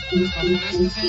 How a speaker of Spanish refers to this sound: A ver, se me hace que es tu teléfono, güey. ¿Lo tienes en mute o qué, güey?